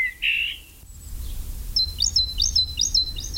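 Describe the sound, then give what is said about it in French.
A great tit sings a clear, repeated two-note phrase, bright and rhythmic, preceded by a brief higher call, with a low background rumble and no voices. “Le numéro 18, évidemment, fréquente souvent l'homme, c'est la mésange charbonnière.”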